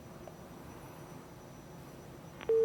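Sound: telephone busy tone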